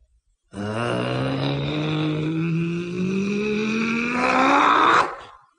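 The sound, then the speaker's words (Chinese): A voice imitates a man's powerful, rising roar as he stops in a horse-riding stance doing qigong, one sustained growling shout that swells over about five seconds and cuts off sharply, loud. “一声吼叫，就把那双掌往起一合，呼的一下，双掌一合，往前这么一推，掌推风出”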